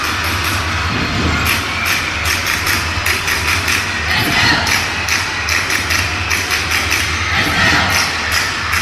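A baseball stadium crowd applauding in the bottom of the eighth inning: a dense, steady clatter of many hands clapping at once, loud and continuous for the whole stretch, with a low rumble of crowd noise beneath it.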